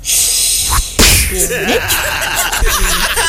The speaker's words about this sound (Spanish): Le metí una bofetada.